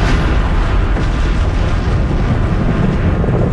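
A massive atomic bomb explosion's deep, rolling roar fills the whole stretch, loud and continuous with heavy low rumble and hiss, no distinct onset or pause, and no voices.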